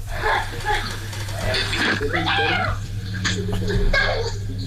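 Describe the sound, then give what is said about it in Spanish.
A dog barks and whines in a listener's voice message, a noisy, low-quality recording, with a steady electrical hum underneath and muffled background sounds throughout. “Hasta los perros participan.”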